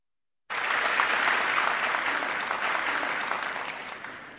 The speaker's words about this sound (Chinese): 那接下来呢，咱们请出相声泰斗马三立和他的老搭档王凤山，由这老二位给您说一段写对子。咱们掌声有请。